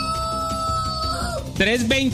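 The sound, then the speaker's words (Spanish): After a steady droning tone, a loud rooster crow breaks in near the end, its harsh, rising call filling the last moments of the short clip. “Mientras mi gallo canta, ustedes están conectados con Olímpica y con los titulares.”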